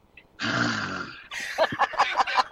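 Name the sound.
imitated snoring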